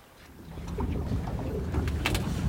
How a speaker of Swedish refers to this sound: Och så här lät det när vi var ute båda två med båt i torsdags.